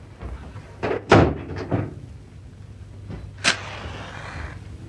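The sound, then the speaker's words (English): A door swings shut with a solid thud and a few lighter knocks, followed a moment later by a sharp latch click, then quiet hiss with no one talking. “Close the door and come and sit down, will you?”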